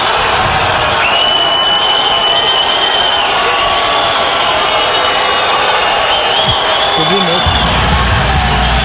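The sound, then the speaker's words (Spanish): A large stadium crowd roars and shouts continuously as Ancelotti announces Neymar Junior Santos and stays silent, a dense wall of cheering with whistle-like tones rising above it, loud and sustained throughout without a break. “Y se queda callado Ancelotti, dejando que la gente grite.”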